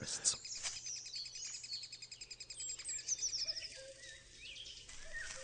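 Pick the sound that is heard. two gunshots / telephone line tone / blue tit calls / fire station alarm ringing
blue tit calls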